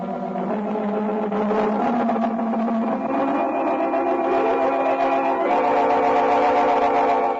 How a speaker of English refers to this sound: Off on special assignment, sped Dan Garrett and Officer Manigan in the police car.